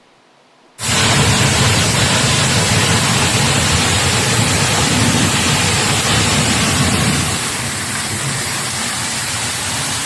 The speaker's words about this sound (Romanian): A plouat cu grindină de mărimea mingii de golf în nordul Germaniei. Furtuna a provocat inundații și a paralizat traficul.